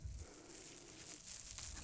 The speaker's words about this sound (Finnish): Muovipussilta kuulostaa. Niin tää on nyt jo se asia, eikä tää on se asia. Niin, tää ei ole sitä niinku kaivamisen ääntä, vaan tää on se itse juttu.